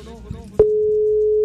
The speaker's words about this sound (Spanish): ¿Está sonando? Empieza a sonar un número de teléfono.